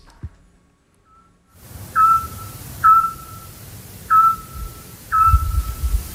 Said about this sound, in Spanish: Hombre, el autillo. Ah, muy bien.